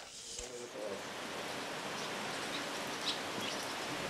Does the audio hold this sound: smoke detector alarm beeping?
no